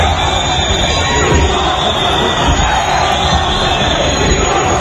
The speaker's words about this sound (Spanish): Sánchez llegaba a la Asamblea de Ceuta a media mañana en medio de uno de los abucheos más sonoros que se recuerdan contra él en público.